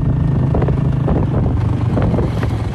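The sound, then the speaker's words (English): A motorbike engine hums steadily as a woman rides it along a rural road from her home to her farmland in Prux Phi Village, southwest Cambodia, with heavy wind buffeting the microphone throughout and no voices. “rides her motorbike from her home to her farmland, where she grows durian and bananas.”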